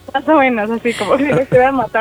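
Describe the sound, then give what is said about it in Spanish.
A human voice loudly mimics a parrot's squawking scream in three or four strained, pitched bursts with brief gaps between them. “No nos digas cómo hacía la señora, hazle como el perico.”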